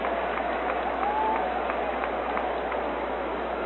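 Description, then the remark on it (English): A baseball crowd at a Cadillac versus Big Rapids game gives a steady round of applause after Big Rapids Mayor Jed Fredner announces the hot dogs are on his tab, dense clapping spread across the stands at moderate volume, with a faint whistle rising briefly near the start and no one speaking. “And Big Rapids Mayor Jed Fredner gets a nice round of applause after announcing that the hot dogs will be on his tab during the remainder of tonight's contest.”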